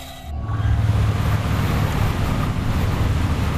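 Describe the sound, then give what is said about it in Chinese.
A boat engine roars at full speed, a loud, steady low rumble with wash and wind noise that swells in after a brief quieter moment and holds continuously to the end. “声呐报告，107号启动了发动机。”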